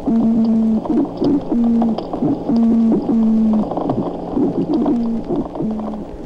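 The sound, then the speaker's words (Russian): An American toadfish calls over and over underwater, each low, buzzing moan starting with a croaky grunt, repeating in a steady rhythm about every second against a constant murky rumble. “Американская жаба-рыба издает что-то похожее на кваканье и стон одновременно.”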